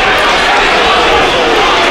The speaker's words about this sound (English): And you can hear what the Bohemians fans think around here.